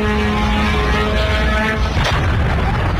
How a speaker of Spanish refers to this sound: Irán asegura haber respondido con misiles y drones contra instalaciones con presencia estadounidense en distintos puntos del Golfo. Esta es una de esas explosiones recogidas en Kuwait.